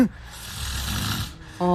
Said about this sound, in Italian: Tu non sai come russi. Beh, se lei l'ha registrato gliel'ha già fatto sentire.